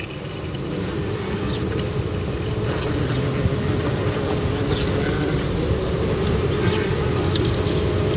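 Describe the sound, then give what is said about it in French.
A small wasp with tiny wingbeats buzzing inside a narrow nest tube that acts as a resonance box, picked up with a parabolic microphone: a steady, resonant low drone that holds for the whole stretch at an even, fairly loud level, with faint scratchy crackles on top and no talking. “C'est sûrement une guêpe qui clignote quelque chose.”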